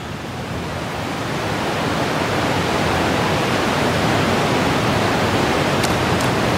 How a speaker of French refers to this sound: Et le bruit que l'on entend, c'est la pluie hein, qui s'abat sur le toit.